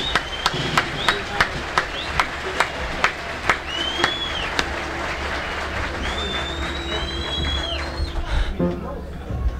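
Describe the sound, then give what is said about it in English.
Audience applause welcoming two brothers, to the stand: a dense wash of clapping with sharp, evenly spaced claps standing out early on, and several high whistles sliding up and down over the crowd noise. “Let's bring them on with a nice big round of applause, huh?”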